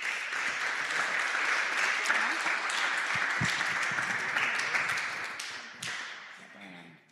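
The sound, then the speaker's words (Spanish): A church audience breaks into sustained applause for the Lord, a dense wash of many hands clapping at once. It stays steady and loud for several seconds before thinning and fading out at the end. “Denle un aplauso al Señor, iglesia.”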